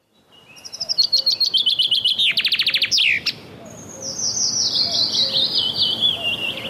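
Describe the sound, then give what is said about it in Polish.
A common chaffinch sings, a bright rattling run of notes that speeds up and tumbles down to a quick flourish, followed by more high, sweet twittering against a quiet outdoor background. “Zięba. Nie większa od wróbla, pięknie ubarwiona.”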